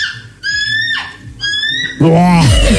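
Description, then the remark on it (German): A person imitates a bald eagle's call: two bursts of high, chattering, piping notes, then a louder strained cry, filling the short clip, with no talk. “125 Vogelstimmen imitieren.”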